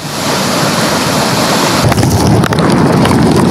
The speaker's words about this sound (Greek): Αυτή είναι η εικόνα σήμερα το μεσημέρι στο χώνο με χιλιάδες κυβικά μέτρα νερού να κατευθύνονται πλέον προς το φράγμα Ποσελέμη. Σύμφωνα με εκτιμήσεις του Οργανισμού Ανάπτυξης Κρήτης, οι εισρωές από το Χαβγά ανέρχονται στα 700.000 κυβικά μέτρα νερού.